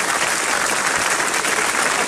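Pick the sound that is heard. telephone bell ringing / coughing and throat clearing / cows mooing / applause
applause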